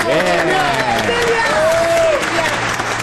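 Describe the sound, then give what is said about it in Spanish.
Steady, loud applause from a studio audience welcoming a contestant onto a TV show, dense clapping with some cheering and voices calling out over it, sustained for the full few seconds. “¡Fuerte la aplauso!”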